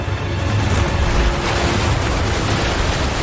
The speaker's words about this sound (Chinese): 在强大洋流的驱使下，太平洋的寒冷海水猛烈地拍打着费尔南迪纳岛的海岸。